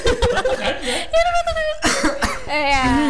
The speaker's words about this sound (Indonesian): Oh, nahan batuk nih guys.